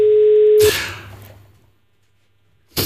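A steady telephone ringing tone on an outgoing call sounds for under a second, then gives way to a loud burst of noise that fades into near silence before another burst.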